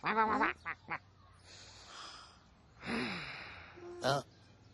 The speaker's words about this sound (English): Penguin? What are you doing? Yeah, belly breathing. That is a great idea, Penguin.